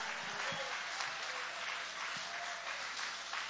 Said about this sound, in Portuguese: Pode tomar o vosso assento, guarda a Bíblia com carinho e podem aplaudir a Deus. Pode louvar a Cristo. Mistura glórias com essas palmas. Oh, glória!